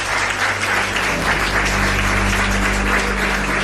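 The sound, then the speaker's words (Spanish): A crowd applauds the first two guests of the show, a dense, even patter of many hands clapping at a fairly loud, constant level for a few seconds, with a low hum underneath and no talking. “Pido un aplauso para ellos dos, nuestros primeros invitados.”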